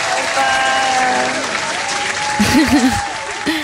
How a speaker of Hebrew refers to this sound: כפיים כל הדרך.